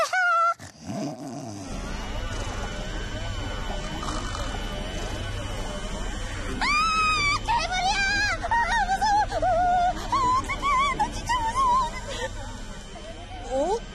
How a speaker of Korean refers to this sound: 우리 집에서 나는 세탁기와 청소기 소리예요. 근데 소리가 울려서 들리네요. 괴물 소리 같기도 하고.